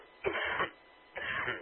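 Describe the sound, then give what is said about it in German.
Someone clears their throat twice, two short raspy bursts separated by a brief pause, with no talking. “Das war mir ein Frosch im Hals.”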